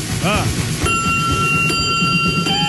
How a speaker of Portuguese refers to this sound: Bateu o sino, vai começar a catequese. Vamos!